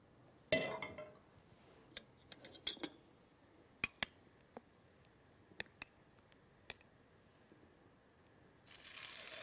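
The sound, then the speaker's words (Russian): Gluten-free pancakes frying in oil in a lidded pan give off a quiet, steady sizzle, broken by scattered sharp pops and crackles, with a louder burst of hiss near the end. No voices. “Слышите, как красиво жарится? Какой прекрасный звук. Это готовятся наши полезные оладьи без глютена.”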